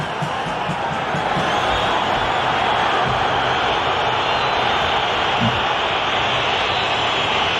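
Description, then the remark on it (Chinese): A football stadium crowd boos a referee's penalty decision in a loud, unbroken roar that holds steady for several seconds, a dense wash of many voices with no clear talk above it. “现场一片嘘声啊，但是这个判罚的决定不可更改了。”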